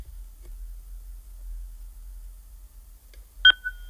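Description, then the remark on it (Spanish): A single short electronic telephone-line beep sounds near the end, signalling an incoming call to a radio program's phone line. It is sharp at onset and then holds a steady tone briefly, over a constant low hum with no talking. “Una llamada al teléfono.”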